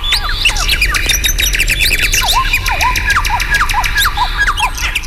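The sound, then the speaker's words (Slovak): A lively chorus of birds sings and chirps continuously in a forest, many overlapping calls with swooping whistles and sharp squawks, set against a low steady rumble of outdoor ambience. “V lese bolo krásne. Vtáci spievali, vietor knísal stromy”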